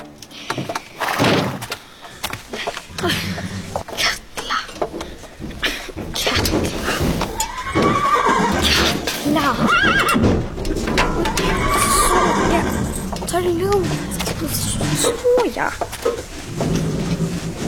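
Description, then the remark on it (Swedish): A horse, Fiala, neighs and whinnies several times, preceded by a run of sharp, clattering knocks like hooves clip-clopping on a hard floor, with faint voices in the background. “Vem behöver 15 vita hästar när man har dig, Fiala?”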